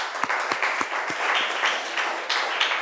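students applauding

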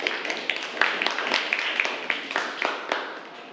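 classroom applause

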